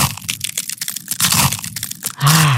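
Crisp crunching of an ice cream wafer cone, a rapid series of brittle bites and cracks for a couple of seconds, ending with a short voiced sound.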